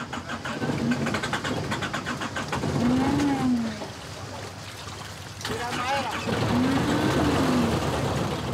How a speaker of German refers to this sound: Doch der Motor springt nicht an.